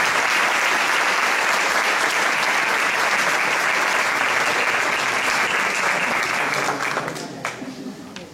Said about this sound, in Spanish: vamos a recibir con un fuerte aplauso a …